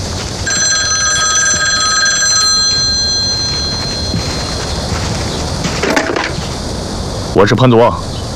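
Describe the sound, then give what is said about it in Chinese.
A telephone bell rings in a steady, bright trill for about two and a half seconds, then falls silent, followed by a few brief clattering handling noises against a low background hum. “我给你打这个电话啊，是作为 曾经的同僚。”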